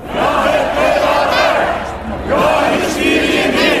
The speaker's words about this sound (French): Des milliers de partisans sont donc venus soutenir leur leader hier soir devant le Parlement à Nandlower.